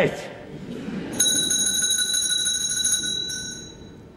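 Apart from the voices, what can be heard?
bell ringing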